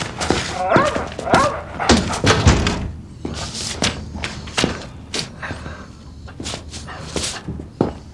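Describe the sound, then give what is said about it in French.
A dog barks in a busy, agitated burst, with whimpering mixed in, amid scattered thumps and knocks as commotion continues around it, loudest in the first few seconds. “Attrape le chien.”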